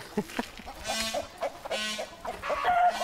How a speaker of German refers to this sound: Aber ich bin erstaunt, wie wenig Angst die Hühner haben.